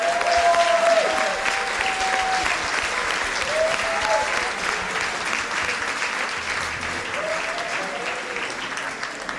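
Sustained audience applause, dense and steady for several seconds, with a few faint whistles rising above the clapping; no talking is heard.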